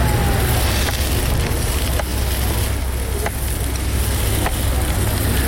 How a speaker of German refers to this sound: Was da brutzelt, sind aber nicht Würst oder Halloumi, sondern Herdöpfel. Ganz gewöhnliche Herdöpfel. Der Herd da steht auf dem Bürkliplatz und das Brötchen von diesen Herdöpfel ist Teil vom Festival The Zurich Archipelago.